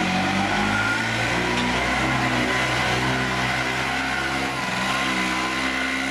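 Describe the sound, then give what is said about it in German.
A Piaggio Ape, a small motorized three-wheeler, revs its engine loudly, its buzzing, rattly drone rising and dipping in pitch for several seconds, with no voices. “Ist aber keine Vespa, wie man vielleicht vermutet, sondern eine Ape. Dieses kleine motorisierte Dreirad”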